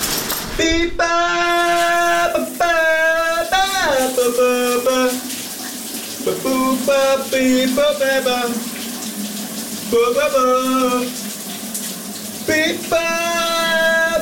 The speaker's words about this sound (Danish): for lige at blive nysgerrig på, hvad er det, der bliver skøn sunget under bruseren.